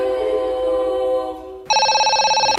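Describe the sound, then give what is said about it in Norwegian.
A telephone rings with a bright electronic tone as a caller phones Norsk Tipping; a steady buzzing tone gives way to a loud, rapidly warbling ring that continues to the end. No one speaks. “Nei, nå var det du som ringte oss.”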